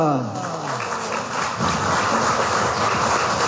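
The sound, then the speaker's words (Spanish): A crowd breaks into loud, sustained applause to welcome Evo Morales, a dense wash of clapping that swells after a brief voice at the start and keeps going steadily. “Eso, hermanos, vamos a recibir con fuertes aplausos a nuestro hermano Evo Morales Zaima.”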